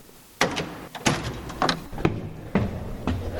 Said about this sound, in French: Et donc, on va ouvrir la porte qui est derrière l'hôtel et on va découvrir ce lieu. Allez, c'est parti.